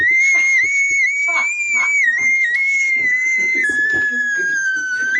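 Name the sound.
woman screaming loudly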